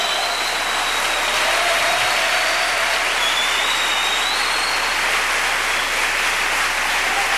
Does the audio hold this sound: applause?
yes